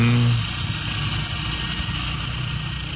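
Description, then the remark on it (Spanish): A car engine starts and idles steadily at a snowy dawn in Tierra del Fuego, a loud, constant rumble with a brief deeper surge at the very start and no voices. “Sí, ¿y esos autos que duermen afuera arrancan o no arrancan después? Ya depende de la batería.”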